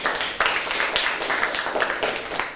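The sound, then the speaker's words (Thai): A group of people clapping together for their friends at a teacher's request, after a lesson on cleaning a microwave oven: a steady, dense patter of many hands that carries on for a few seconds at moderate loudness, with no talking over it. “ขอปรบมือให้เพื่อนๆหน่อยครับ”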